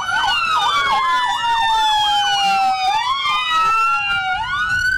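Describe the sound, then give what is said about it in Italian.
Several ambulance sirens wail together, their rising and falling tones overlapping loudly and continuously, with faint murmuring and street noise underneath, as ambulances bring the bodies of a family killed by bombing into a village in Lebanon. “L'ululato delle ambulanze non chiede spazio ai soccorsi, ma annuncia l'ingresso in paese dei corpi.”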